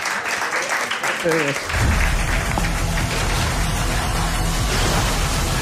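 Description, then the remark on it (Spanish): A crowd applauds steadily, a dense wash of clapping that swells louder after a brief voice near the start and keeps going without pause. “Y el aplauso gracias del a ti, público.”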